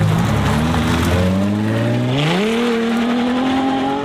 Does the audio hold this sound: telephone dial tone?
no